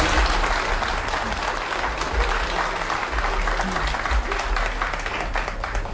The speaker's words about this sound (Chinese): 您这一上来大家伙就热烈鼓掌， 这都是我的老观众， 欢迎您。